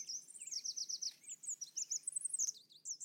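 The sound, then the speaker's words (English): A red warbler, a tiny bird barely 5 inches long, sings on a clear morning: a rapid, sweet warbling song of high twittering notes and trills, continuous, with faint background hiss and no voices. “Red warblers are the tiniest weather station you can imagine, barely 5 inches long and weighing less than a AAA battery.”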